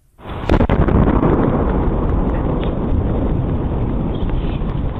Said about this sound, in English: The American Meteor Society says the double boom was caused by a three-foot-wide meteor entering the atmosphere near Massachusetts. The group says it received dozens of reports from people who heard the sound